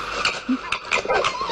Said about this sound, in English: Now that sounds like a dog. It's a fox.